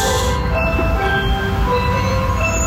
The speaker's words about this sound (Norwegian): På denne lyden og for denne bilen, isbilen, skal legges på is, skal parkere sjappa si, for det ikke nok folk som kjøper is på isbilen lenger. Og dette jo lyden av, ikke bare isbilen, men lyden av alle de barna som du da ikke hører akkurat her